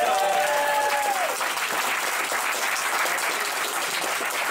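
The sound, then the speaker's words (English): An audience breaks into steady, dense applause that holds at an even level throughout, with a short whistle-like tone at the very start before the clapping carries on alone. “Round of applause for”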